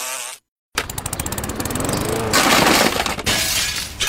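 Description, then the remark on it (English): After a brief moment of silence, window glass shatters in a loud, harsh crash, followed by several seconds of dense, rattling fragments that swell louder midway before tapering slightly. “Now we've got to replace the whole window frame and all. Why don't we call the glassworks and get just the pane replaced?”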